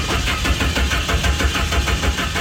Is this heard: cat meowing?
no